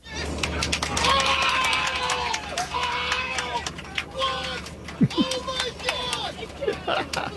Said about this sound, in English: Last night, you could hear cheers spilling out of bars and apartment windows, and one social media post even had the sound from a celebration on board a plane.